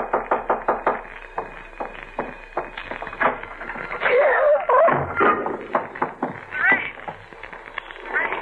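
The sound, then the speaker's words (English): A steady series of sharp knocks on a door, several per second, repeating for a few seconds before giving way to louder, busier sounds with voice-like tones mixed in. “There's someone at the door.”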